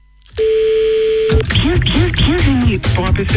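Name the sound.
telephone line tone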